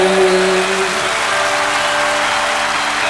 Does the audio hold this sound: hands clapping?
yes